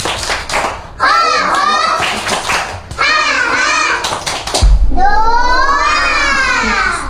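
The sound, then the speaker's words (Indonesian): Kindergarten children from TK Sinar Bahagia perform the 'tepuk semangat' chant at an event, chanting in rhythm while clapping along, sharp hand claps punctuating the sing-song phrases in three close, lively bursts, the last one louder with a low thump. “Tepuk semangat dua.”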